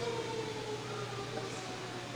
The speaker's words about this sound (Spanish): Está sonando la sirena aquí. La tradicional sirena, ¿verdad?